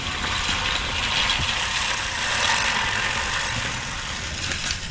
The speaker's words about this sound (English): The human-powered lawnmower.